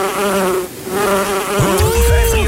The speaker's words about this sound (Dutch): Ja, ik weet niet hoe dat bij jou zit, maar ik ben toch altijd onrustig hoor. Als er een wesp of zo bij me in de buurt vliegt. Of een bij bijvoorbeeld.